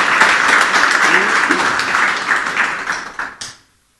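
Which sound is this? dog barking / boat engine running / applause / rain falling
applause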